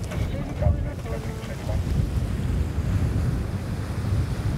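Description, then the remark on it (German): Steady, strengthened wind roars and buffets while waves wash against a sailboat's hull just before the sails are set, a continuous, fairly loud rush of sea and air with no voices. “Der Wind hat zugenommen, Welle ist irgendwie auch da und gleich werden die Segel gesetzt.”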